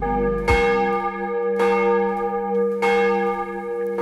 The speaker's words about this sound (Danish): Der ringes til morgenandagt fra Vor Frue Kirke i København.